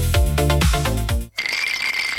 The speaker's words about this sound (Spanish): Con los hielos pasa igual que con la música. Mucho ruido, pero se deshacen rápido.